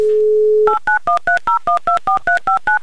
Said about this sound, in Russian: И даже сразу гудки пошли в Новосибирск.